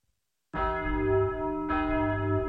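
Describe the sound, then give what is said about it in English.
A school bell rings out loudly at a boys' school at the end of class, struck twice in quick succession, with a rich, sustained metallic tone that hangs in the air between strikes. No one speaks. “There's the bell, boys.”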